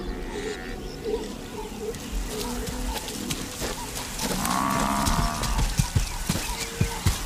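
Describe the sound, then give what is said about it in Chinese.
Low, throaty grunts and moaning bellows from several African buffalo overlap as they come down a riverbank to check on a calf, with one longer drawn-out call midway and a few sharp knocks and thuds toward the end. “几头非洲水牛走下河岸，查看幼崽的情况。”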